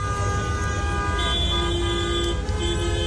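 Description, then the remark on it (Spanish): Car horns honk almost nonstop over a dense bed of chaotic traffic rumble in Tangier, Morocco, several sustained tones overlapping and blaring loudly, with no one speaking. “que nos contabas que el tráfico era caótico y la forma de conducir muy diferente, y nos rescatas un sonido también de esos bocinazos continuos, ¿no?”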